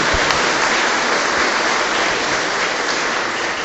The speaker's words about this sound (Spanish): Démosle otro fuerte aplauso a la Santísima Virgen María.